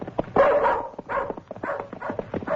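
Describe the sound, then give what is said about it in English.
A dog, Bullet, barks excitedly on finding something while tracking, in a quick series of about four loud yelping barks, with nobody talking over it. “Hey, Roy, Bullet found something.”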